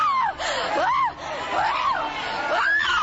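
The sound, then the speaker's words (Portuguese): A church audience shouts together in prayer, crying out to Jesus, many loud overlapping voices rising and falling in long cries over a dense, continuous crowd roar. “Grita para Jesus.”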